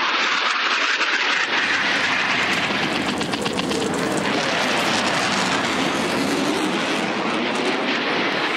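A loud, sustained jet roar swells in within the first second and stays thunderous throughout, as military aircraft take off from five military airfields in Croatia, Bosnia and Herzegovina and Slovenia, with no voices.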